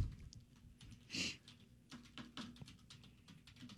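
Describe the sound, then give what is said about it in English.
Rapid, uneven clacking of keys on a computer keyboard, with one heavier strike standing out partway through, struck hard and steadily with no voices over it. “You're like breaking the keyboard over there.”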